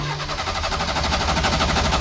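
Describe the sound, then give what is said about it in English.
A car engine that is out of fuel cranks over and over without catching, a steady rapid churning rhythm that stays loud and even for the whole stretch, with no voices. “And he's struggling to start also.”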